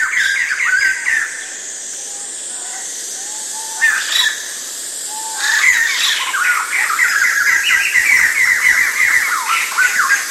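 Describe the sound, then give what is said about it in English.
A bird sings a series of bright, warbling phrases, fairly loud, with brief pauses between bursts and a steady hiss of background noise throughout. “Most human languages recognize that certain sounds made by birds should be called songs and not calls.”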